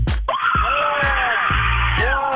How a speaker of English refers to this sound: Can you guys scream and yell for us? Get real crazy?